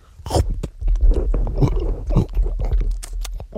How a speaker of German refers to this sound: Sehr zäh. Ja, nun. Ja, und man kann gar nicht richtig abbeißen irgendwie und... Bäh.